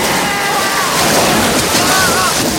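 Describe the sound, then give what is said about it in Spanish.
A loud, steady rush of water gushes out in a continuous torrent as a sluice gate on a mine channel is opened, full-bodied, with faint voices or shouts barely audible beneath the roar as two men are swept away by the water. “Suben rabiosos a por él y el zorro abre la compuerta.”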